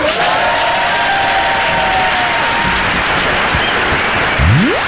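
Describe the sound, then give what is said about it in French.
A large audience applauds steadily, dense clapping filling the whole stretch with a few faint whistles and cheers rising within it; the ovation stays loud and continuous throughout. “Et dans un sketch, à quel moment il applaudit le public?”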